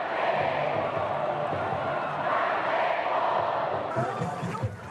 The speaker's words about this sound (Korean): 드디어 경기가 시작됐습니다. 열띤 응원전에 막이 오르고 승리를 기원하는 양팀의 우렁찬 응원. 야구장은 순식간에 함성으로 가득 차오릅니다.